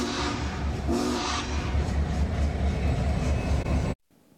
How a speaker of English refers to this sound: The train still has several more whistle stops along the Union Pacific route, traveling along the Platte River until Grand Island, then heading up towards Columbus.